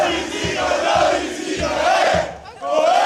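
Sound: football fans cheering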